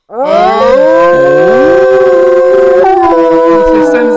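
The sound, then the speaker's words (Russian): A person imitates a wolf howl as a voice exercise, tongue curled back toward the rear teeth and lips pushed forward, with a long, loud, sustained wail that rises and bends in pitch, heard alone for about four seconds. “Молодец, у меня курящий волк.”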